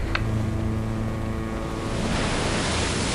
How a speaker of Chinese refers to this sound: 报告总监，大风到来了，风力达到七级。